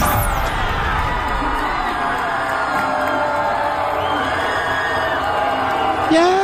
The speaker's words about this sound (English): Yay! Bunch of 24 to 28-year-olds yelling and screaming because a radical communist just won a primary in Colorado.